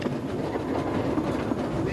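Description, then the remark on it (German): The steam saddle tank locomotive Edward Thomas running with water in its chimney despite a low water level, a steady, loud mechanical rumble with a dense hiss and faint rhythmic clatter continuing throughout. “Die Lok ist anfällig, was die Wasserzufuhr in die Dampfabgabe angeht.”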